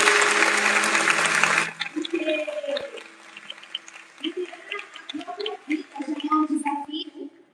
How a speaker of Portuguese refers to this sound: Mas antes eu quero pedir uma salva de palmas